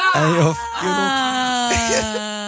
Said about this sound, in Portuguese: Ai, sempre a chorar.